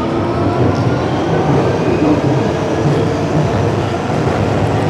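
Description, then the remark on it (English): A Victoria Line underground tube train rumbles steadily along the rails, a loud, dense, continuous roar with faint rattling and hiss, unbroken throughout with no voices. “Apparently, sound art students are told by their tutors at university to avoid using tube and train recordings for their assignments because it's seen as a bit of a cop-out.”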